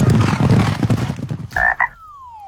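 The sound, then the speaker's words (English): A frog croaks in a dense run of rapid, raspy, loud pulses, followed by a couple of brief tonal calls and a thin sliding whistle before falling quiet. “Hey, what does a frog know about money? Not much. But they do know about taking the leap.”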